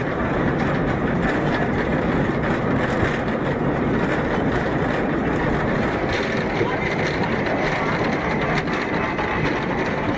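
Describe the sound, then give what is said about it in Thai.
A funicular tram carrying tourists climbs steadily from a lake pier nearly 1 kilometre up to the summit of the Bürgenstock, its constant rumbling hum and rattle loud and unbroken for the whole stretch. “จากด้านล่างรถรางไต่ระดับขึ้นไปด้วยระยะทางเกือบ1กิโลเมตรใช้เวลาไม่ถึง10นาทีก็ถึงยอดเขาเบอร์เคนสต็อก”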